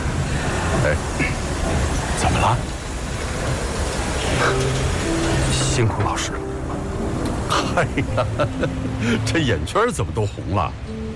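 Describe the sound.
A busy train station hum in Wolfsburg, Germany, where travellers are being seen off by train, with a steady rumble of engines and machinery, sustained tonal whines, and scattered voices murmuring throughout.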